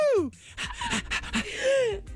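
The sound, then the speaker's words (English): On a radio morning show, a person pants rapidly like a dog while trying to imitate a song's melody, the breathy huffs sliding up and down in pitch, with a short burst of laughter-like vocal sounds mixed in, fairly loud. “I was trying to do the melody of the song, and I think me using the dog's hairbrush this morning is bringing out a dog in me.”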